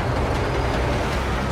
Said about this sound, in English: Eric rides on the truck's running board as it converges with others speeding after the fleeing insurgents. The vehicles draw closer